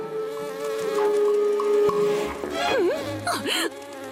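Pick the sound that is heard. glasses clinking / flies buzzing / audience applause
flies buzzing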